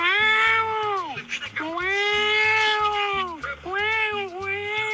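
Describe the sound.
A radio caller from Caricuao imitates a cat for an animal-sound contest, with three long, drawn-out meows, each rising and then falling, sustained, with a rhythmic low thumping beat playing underneath.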